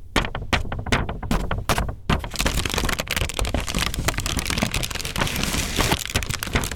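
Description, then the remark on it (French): Paper is crumpled and handled in a paper-sounds workshop with young visually impaired people at the IDES (Institut d'éducation sensorielle) in Paris: sharp separate crackles and rustles in the first two seconds, then a dense, continuous crinkling texture that stays loud and busy to the end. No voices. “Institut d'éducation sensorielle, jeunes déficients visuels à Paris, avec lesquels elle a monté un atelier toujours autour des sons de papier.”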